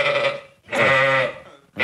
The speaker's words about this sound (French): Mais je peux vous dire que lui aussi, on entend la différence quand il bêle. Tenez, ça, c'était mon mouton avant.